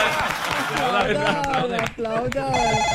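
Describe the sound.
A telephone rings with a steady, high electronic tone that starts near the end, following lively talking voices and scattered clapping. The call comes in at 4 in the afternoon with no caller ID.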